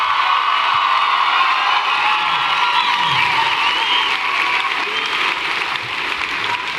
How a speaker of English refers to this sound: Give a big round of applause to my band up here